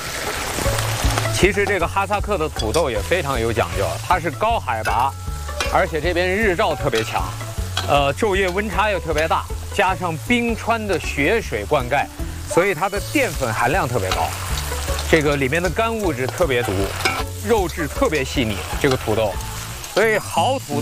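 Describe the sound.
Meat, put in first, then Kazakh potatoes fry in hot oil with a steady, loud crackling sizzle and the occasional scrape of stirring, running continuously beneath a person talking throughout.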